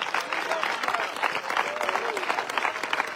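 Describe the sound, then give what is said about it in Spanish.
A church audience breaks into sustained, vigorous applause to the Christ of glory, a dense wash of many hands clapping steadily throughout, with a few faint voices calling out underneath. “Del fuerte ese aplauso al Cristo de la gloria.”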